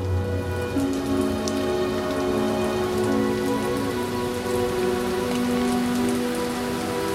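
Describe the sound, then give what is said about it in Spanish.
Steady rain pours down on people opening umbrellas, a continuous hiss with scattered drops pattering on surfaces and a low, sustained tonal hum running underneath. No voices are heard. “La gente abre los paraguas. El agua cae sobre César, que mira a la inmóvil Sofía.”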